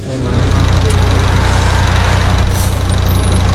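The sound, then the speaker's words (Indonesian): A shuttle bus arrives and its engine idles with a steady, loud low rumble and a faint higher whine, starting abruptly and holding an even, throbbing drone throughout. “Yeay, busnya udah datang.”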